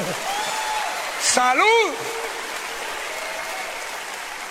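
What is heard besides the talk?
audience applauding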